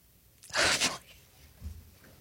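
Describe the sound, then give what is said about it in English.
A single sharp sneeze bursts out loudly near the start, a brief explosive blast of breathy noise that quickly fades into quiet room tone with a faint low murmur afterward. “God bless you.”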